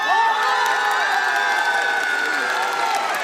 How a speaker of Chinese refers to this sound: 哇，说得太好了，那么接下来就让我们掌声有请我们的沙溢降临组合重回舞台，以及我们两位主理人。